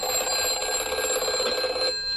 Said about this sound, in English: Yes, what a phone sounded like in the 1950s, kids.